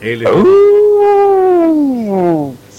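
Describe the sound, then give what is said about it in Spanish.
A person imitates a dinosaur with one long, loud vocal roar, a drawn-out cry that holds steady for over two seconds before tapering off, with a short click at the end. “estaba por ahí entregándonos ese rugido de estos dinosaurios.”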